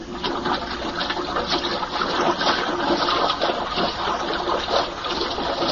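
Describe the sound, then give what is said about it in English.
Steady, loud rushing of water being pumped out of a chamber, a continuous churning gush with a faint mechanical hum beneath it, with no voices. “Water's being pumped out.”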